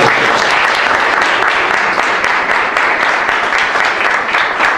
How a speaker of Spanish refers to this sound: Un aplauso por ello.